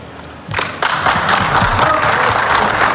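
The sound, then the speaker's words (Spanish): Applause breaks out in a stadium press room as Scaloni breaks down in tears, starting quietly and swelling at about half a second into a dense, steady wash of many hands clapping, with a few low thumps underneath. “Se rompe Scaloni, aplausos de los presentes en la sala de prensa del estadio.”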